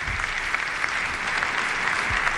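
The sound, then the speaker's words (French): Steady applause from the whole audience for Pope Leo XIV, a dense, even wash of many hands clapping at once that holds at the same loud level throughout, with no voices standing out. “Léon XIV applaudit par toute l'assistance et qui remercie d'un signe de la tête.”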